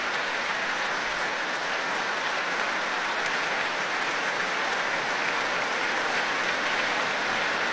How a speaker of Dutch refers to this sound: Nu voor alle muzici van het Rotterdams Philharmonisch Orkest. Een groot applaus van Daniel Trifonov voor hen.